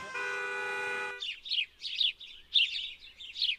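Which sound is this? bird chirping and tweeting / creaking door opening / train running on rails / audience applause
bird chirping and tweeting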